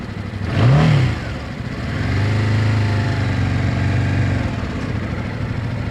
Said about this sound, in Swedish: Så där, jag puttrar iväg här på ettan på övningsbanan i Bromma, och det är riktigt mysigt att få åka motorcykel.